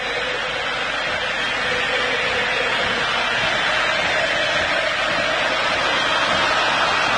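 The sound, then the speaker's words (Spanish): A dense, steady roar from a huge stadium crowd of Argentine football fans at an Argentina versus Algeria match fills the air, loud and unbroken, their cheering blending into one continuous wash of sound with no individual voices standing out. “Hay salida, escuchen el público argentino.”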